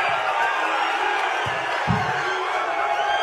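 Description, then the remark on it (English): A large crowd cheers steadily at a rally for President Trump, a dense, continuous roar of many voices with scattered whoops and shouts rising out of it, loud throughout. “But, you see these people in the crowd. They seem pretty excited to see him.”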